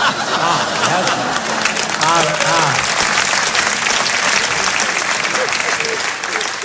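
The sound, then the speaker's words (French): An audience bursts into steady, dense applause lasting several seconds, with scattered laughter and a few voices rising through the clapping. “Oui, là hier ils n'avaient pas applaudi, hein, on voit la différence.”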